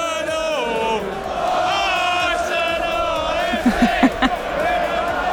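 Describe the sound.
A large crowd of football fans chants together after a match in which Arsenal won the title, in a loud, sustained, sing-song unison, voices rising and falling, with a few sharp rhythmic shouts or claps breaking through near the end.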